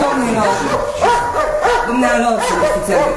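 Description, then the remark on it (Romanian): A dog barks several times in quick succession, loud, with short, tonal yelps spaced about half a second apart over a busy background. “Domnule, umblă tot timpul cu câinii după mine.”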